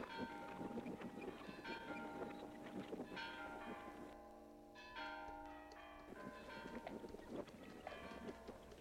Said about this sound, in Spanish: Por fin, los hombres de Demetrio entraron a las calles de Juchipila, cuando las campanas de la iglesia repicaban alegres, con ese repicar que hacía palpitar de emoción a toda la gente de los cañones.